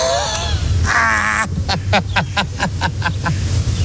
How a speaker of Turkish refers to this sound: Oha. Oha, koskoca yerde beni mi buldu bu kuşlar ya?